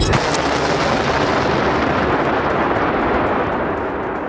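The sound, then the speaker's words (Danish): A missile launch by Iran's Revolutionary Guard toward US bases in Jordan, as shown on Iranian state TV: a sharp burst at the start gives way to a loud, steady, rushing roar that holds for several seconds and eases slightly at the end. No one speaks. “Som man kan høre her, har iransk stats-TV vist billeder af missiler og droner, der ifølge stats-TV-stationen blev sendt afsted mod baserne.”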